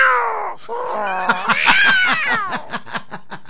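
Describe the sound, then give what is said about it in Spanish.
A cat lets out a long, wavering yowl that slides down and then climbs, breaking into a series of short, pulsing meows at the end, fairly loud, with no talking. “Oiga, antes a los gatos se les daba hasta fregadura.”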